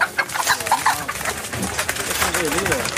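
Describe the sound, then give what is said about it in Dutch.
Several chickens for sale cluck and chatter in a busy, continuous stream of short, mid-pitched calls, with a murmur of voices running underneath. “Maar ik zie hier een paar prachtige kippen die ik met mijn zilver wil kopen.”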